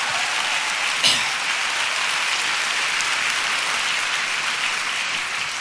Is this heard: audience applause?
yes